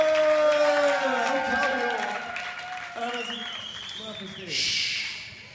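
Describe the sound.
An audience claps steadily while voices cheer and call out over the applause, which stays loud throughout and swells again into a hissy burst near the end.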